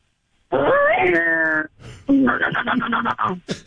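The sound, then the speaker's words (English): On the Big D and Bubba show, a voice imitates with the mouth a car driving by, one with a weird little muffler on the back: a buzzy hum rising in pitch and holding steady, then a quick run of sputtering, popping pulses that fade out. “Can you make the sound of a car driving by? One with one of those weird little mufflers on the back.”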